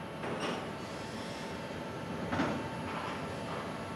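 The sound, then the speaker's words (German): A container crane at the Kiel seaport works over a train in a rail yard, about to set containers onto the train, a steady mechanical rumble broken by a few brief metallic bursts and hisses, moderately loud, with no voices. “Mike Richter steuert den Kran, der die Container gleich auf den Zug setzt.”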